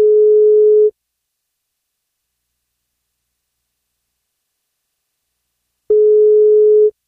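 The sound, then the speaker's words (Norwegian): A telephone ringback tone of an outgoing call to a woman turning 50 on her birthday sounds twice, each steady electronic burst lasting about a second, separated by a long silent pause, loud and clear with no voices. “I dag skal vi ringe Merete Teistklubb som blir 50 år. Hun får kako hvis hun tar telefonen.”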